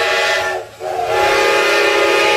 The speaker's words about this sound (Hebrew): מה אני שומעת? צפירה של רכבת. צפירה של רכבת? אז מה אני יושבת? זאת הרי הרכבת האחרונה.